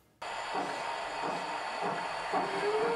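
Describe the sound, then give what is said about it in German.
A 1:32 scale model train on a 600-square-metre layout in a building's basement rolls steadily along a track with a constant whirring hiss, a few spaced clicks over the rail joints, and a thin rising whine near the end. No voices. “Hier fahren alle Züge noch pünktlich und es gibt kaum ein Problem, das Männer nicht lösen könnten.”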